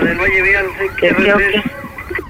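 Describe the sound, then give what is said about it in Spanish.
A voice imitates a police siren, wavering up and down in a loud, continuous wail for about two seconds before breaking off. “me atoraron la policía.”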